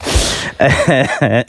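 A single harsh, breathy cough from a person who has been laughing bursts out, followed by a few short voiced, throaty sounds as the person recovers.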